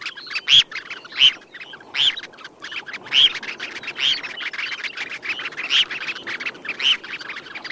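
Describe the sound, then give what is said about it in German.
A grey phalarope gives a series of short, sharp chirping calls, repeated roughly every second in an uneven rhythm, clear over a soft, busy natural background with no voices. “Da hat das Thorshühnchen gezwitschert im Vogel der Woche”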